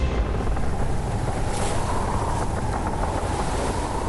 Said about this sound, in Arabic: وأقلعت المراكب الثلاثة وسرعان ما غابت في الأفق، وودعنا اليابسة كي نقابل الريح الغاضبة. الريح تبدأ بهبات خفيفة ثم تشتد وتصحبها الأمواج.